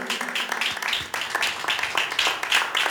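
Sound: audience clapping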